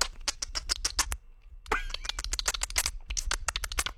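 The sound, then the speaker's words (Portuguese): A person mimics dolphin sounds with their mouth: rapid bursts of sharp clicks and squeaky chirps, a brief pause, then a rising whistle followed by more fast clicking. “Ele tá fazendo o barulho do golfinho com a boca, gente.”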